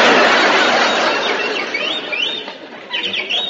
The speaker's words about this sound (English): That bird again. Shut up, you molting pest. I thought I told you to give that canary some Dr. Gruber's bird seed.